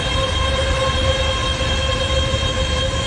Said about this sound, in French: Ça, c'est le bruit dans le voisinage de l'un de ces gigantesques centres de données, appelés aussi hyperscale.